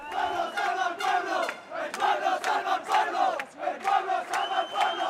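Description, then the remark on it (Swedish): A crowd of counter-demonstrators at Plaza de los Reyes chants anti-fascist slogans ("Fascists, off our streets, out of our city") in unison, where far-right politician Alvise Pérez was to speak on Saturday evening; loud rhythmic shouted phrases repeat with short breaks, voices blending into a dense roar with occasional sharp cries. “Fascister, bort från våra gator, bort från vår stad, skanderade en grupp människor som samlades på Plaza de los Reyes, där ytterhögerpolitikern Alvise Perez hade fått tillstånd att hålla ett anförande på lördagskvällen.”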